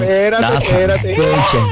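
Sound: baby crying sound effect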